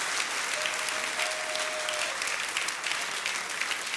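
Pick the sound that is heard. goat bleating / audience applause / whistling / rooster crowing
audience applause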